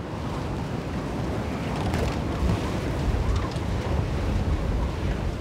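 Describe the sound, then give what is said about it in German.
Strong storm wind at the North Sea roars steadily across the microphone with heavy low rumbling buffets, mixed with the churning wash of surf as the sea rises and the storm strengthens, a continuous loud roar with no voices. “Noch 4 Stunden wird die Nordsee steigen und der Sturm nimmt weiter zu.”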